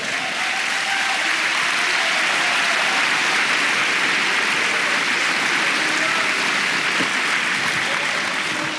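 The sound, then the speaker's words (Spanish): An audience claps their hands for the Lord in a steady, dense wash of applause for several seconds, loud and continuous with no break. “Hermano, dele palmas al Señor.”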